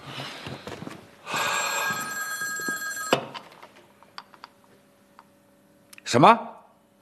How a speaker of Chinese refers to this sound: 对不起，我接个电话。